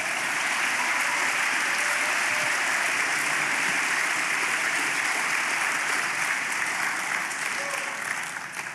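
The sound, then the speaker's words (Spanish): Sustained applause from a large crowd fills the whole stretch, a dense, even wash of clapping at steady loudness with no voices standing out. “Aplauda por eso, ¿verdad?”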